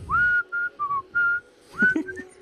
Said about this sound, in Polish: gwizdanie przynosi pecha na morzu, może wywołać sztorm, bo dzisiaj nie gwizdamy.